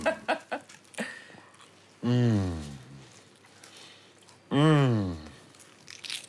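Several crisp crunches from biting into a flaky croissant, followed by two long, drawn-out murmurs of appreciation and a few softer crunches near the end.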